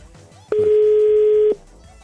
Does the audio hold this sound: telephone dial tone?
yes